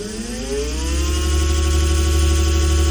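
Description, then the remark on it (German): A steady motorized whir with a rising tonal pitch swells as an electric scooter (E-Roller) approaches and passes on a footpath in Saxony-Anhalt, Germany. A deep low hum runs underneath, and no one speaks. “Es gibt eine neue Gefahr auf Sachsen-Anhalts Fußwegen und die kommt surrend daher.”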